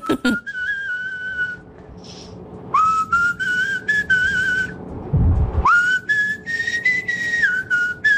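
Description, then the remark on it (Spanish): A person whistles a melody in three sustained phrases with brief pauses between them, the tone clear, with a short low rumble just before the final phrase. “En otra tonalidad, pero de que silbás, silbás.”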